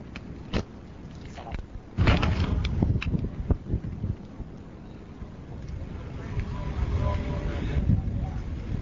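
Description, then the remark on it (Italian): A ship's engine room machinery rumbles with a steady low drone, heard from in front of the engine room, while very strong gusts of wind buffet the microphone and a few sharp knocks break through. “Siamo praticamente davanti alla sala macchina.”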